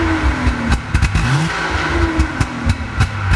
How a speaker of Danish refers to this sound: Kan jeg ikke lige få dig til at trykke på speederen en gang til, så lad vi lige prøve at høre sådan en gammel bil fra 65 igen.